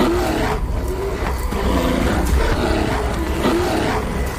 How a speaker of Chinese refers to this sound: 力量和体型开始发挥作用，体型较大的北美棕熊之间开始爆发直接冲突，战斗打响了。